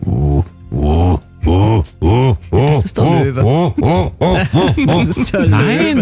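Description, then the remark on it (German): A person imitates a hippo's night-time grunting call: a loud series of deep, voiced honking grunts with rising-and-falling pitch, starting with spaced bursts and quickening into a rapid rhythmic run. “Die machen ja ganz tolle Geräusche. Habt ihr das mal gehört? So ein Hippo nachts so?”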